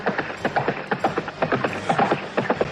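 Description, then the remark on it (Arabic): Rapid hoofbeats of a galloping horse carrying a rider toward the listener, a steady run of sharp clopping impacts in an uneven triple rhythm, moderately loud, with no voices. “ما هذا؟ إنه فارس يعدو نحوي.”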